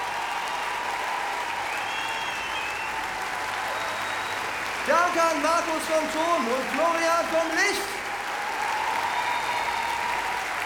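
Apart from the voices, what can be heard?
audience applause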